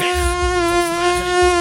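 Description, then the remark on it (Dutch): A steady high-pitched mosquito whine drones continuously, its pitch wavering slightly as the insect hovers. “Nou, een stuk minder muggen in Nederland volgens de Wagen.”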